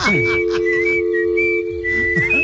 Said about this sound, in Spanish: Mientras que le llama, me voy a poner a chiflar, ¿eh?